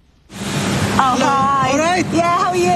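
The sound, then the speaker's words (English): A loud, steady hiss of pressurised water spraying at a car wash in the north of England starts abruptly and continues throughout, with indistinct voices calling out over the noise. “A car wash in the north of England.”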